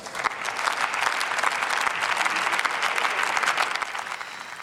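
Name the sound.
parliamentary applause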